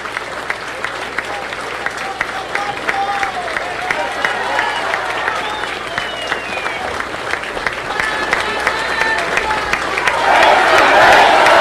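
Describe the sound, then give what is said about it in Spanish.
A crowd gives a minute of applause in homage to fallen community members, clapping steadily in a dense, sustained wave, with scattered shouts and voices rising through it, swelling louder toward the end. “Un minuto de aplauso con esa fuerza, porque ellos viven también en la memoria de nuestra comunidad.”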